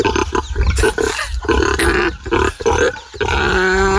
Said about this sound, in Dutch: Onze varkens die eten krijgen. En ze vinden dat fijn zo te horen. Ze genieten ervan met volle teugen.